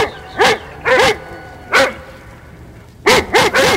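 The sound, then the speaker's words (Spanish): A dog barks six times in sharp, loud bursts: a pair, a single bark after a pause, then a quick run of three, with no voices. “a propósito, hoy se conmemora con razón tanta ladradera de Firulay, ¿no?”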